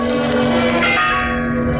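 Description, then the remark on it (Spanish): A convent church bell rings loudly, its rich sustained tone humming steadily with bright ringing overtones throughout, no voices present; the bell calls the Theatine monks to gather. “Al escuchar la campana del convento, los teatinos se apresuraron a salir de su salón de reuniones y tomar asiento en espera del padre Cayetano.”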